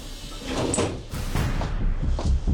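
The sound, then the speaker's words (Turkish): A locked door is forced open: heavy rattling, scraping and knocking thuds build up over a couple of seconds, fairly loud, with no voices. “Kapı kilitli sanıyorum.”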